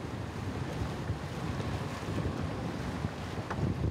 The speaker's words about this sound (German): Und auf die kommt man mit dem Motorboot.